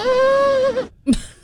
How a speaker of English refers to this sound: Is that really what they sound like? Well, those are funny goat sounds. Yeah. I don't have any normal goat sounds. I just have funny ones. They are. These are like humans trying to do it.